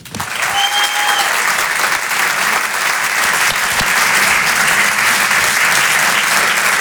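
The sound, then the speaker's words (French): An audience at the Open du Rire comedy show applauds warmly as a comedian is introduced, a dense steady wash of clapping that stays loud and even for about seven seconds, with a brief faint whistle near the start. “Elle ose tout, elle a une grande liberté, je vous demande de l'applaudir très chaleureusement.”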